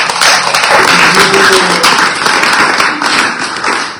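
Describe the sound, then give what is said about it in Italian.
Sustained audience applause for a journalist guest and for the show, a dense wash of many hands clapping steadily and loudly for several seconds, with faint voices briefly audible underneath. “Quindi, insomma, è un gigante dell'informazione in Italia, averlo qui questa sera, davvero grazie, anche lei, un applauso anche per lo spettacolo.”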